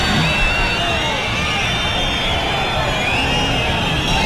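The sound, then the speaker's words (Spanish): A crowd boos steadily, a dense, loud roar of voices with shrill whistles cutting through above it and shouts of "fuera", sustained without pause for the full few seconds, interrupting a minister's speech. “Ahí empiezan los abucheos, los pitos, fuera, y añadió el ministro tras la interrupción.”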